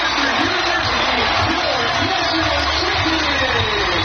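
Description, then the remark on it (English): A stadium crowd of more than 8,000 fans roars and cheers wildly at the final moments of Northwestern's national championship win over North Carolina at the women's lacrosse Final Four in Evanston, a dense, loud wash of voices that holds steady for about four seconds without letting up. “And the crowd goes wild, as you can hear there.”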